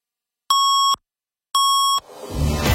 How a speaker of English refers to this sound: 680 News Time at the sound of the double tones will be 7:30.